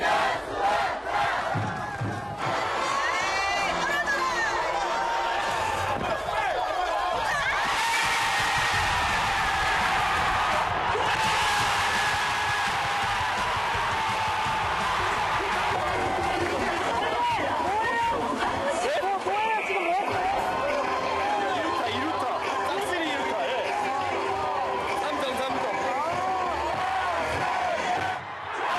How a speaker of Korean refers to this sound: 쏟아지는 물줄기 아래 모두가 하나 되어 즐기는 시간. 응원의 함성이 경기장을 가득 메웁니다.